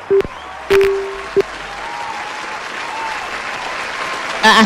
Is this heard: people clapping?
yes